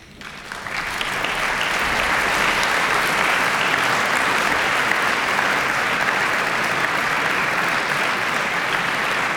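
A concert audience in Studio 4 applauds Andrew Ilhun Bjorn and pianist Katsura Mitsumoto as they enter the stage: a dense, even wash of clapping that swells within the first second and holds at a sustained loud level throughout, with no voices.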